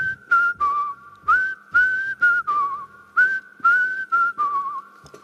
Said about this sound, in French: on va voir si tu sais siffler maintenant